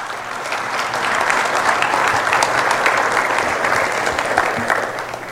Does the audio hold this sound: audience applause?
yes